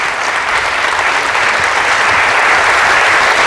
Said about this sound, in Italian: Sentiamo ancora gli applausi in sottofondo